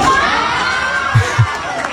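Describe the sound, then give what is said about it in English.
A crowd of children cheers and shouts together in a continuous, lively roar, cheering someone on, with a couple of low thumps near the end. “All the kids cheering him on.”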